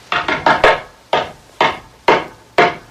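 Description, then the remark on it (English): Knocking on the back door: four quick raps in a rapid burst, then four more sharper, evenly spaced knocks about half a second apart. Loud and woody, with no voices. “That's the back door. I'll get it.”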